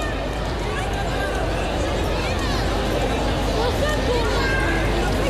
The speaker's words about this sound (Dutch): En aan het gejuich te horen weet u dat de bal erin zit, maar dat hij niet telt.